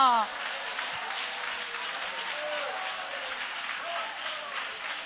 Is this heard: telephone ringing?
no